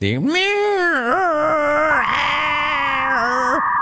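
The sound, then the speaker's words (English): A voice imitates the screeching emergency weather alert tone that interrupts radio broadcasts: one loud, sustained, nasal whine lasting about three and a half seconds, its pitch wobbling up and down before cutting off. “Hi, Rome, my beef are weather warnings that interrupt radio play like it's 1990 and that weird AOL dial-up wannabe sounding screeching alarm.”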